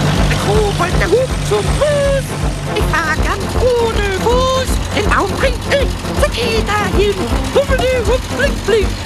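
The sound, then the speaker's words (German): A tractor engine chugs steadily with a deep, rumbling drone as it drives along a village street, loud, while a voice makes wordless cheerful sounds over the motor. “Unterdessen hat der Pumuckl mit dem Traktor die Dorfstraße erreicht und jetzt macht ihm die Fahrt sogar Spaß.”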